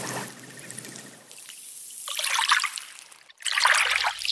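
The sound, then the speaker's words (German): Small waves wash gently onto a stony beach of shells and pebbles in a sheltered bay near Reykjavik, Iceland, with a soft trickle and two louder, fizzy surges of water rolling over pebbles. No voices, just the steady lapping of the sea. “Immer wieder plätschert hier das Meer in kleinen Wellen ans Ufer auf den steinigen Strand.”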